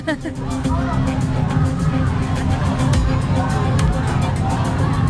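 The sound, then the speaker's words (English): A protest crowd of thousands, multiple groups representing different causes, roars steadily, many voices shouting and calling over one another in a dense, unbroken wall of sound that stays loud throughout, with occasional raised cries cutting through the babble. “You can hear all the different calls to action.”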